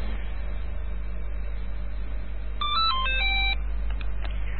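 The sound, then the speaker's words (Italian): A telephone line rings during a Radio Cybernet broadcast call, with a brief burst of bright electronic tones lasting about a second, heard over a steady low hum, with no one talking. “Ah, molto bene, quindi era il telefono.”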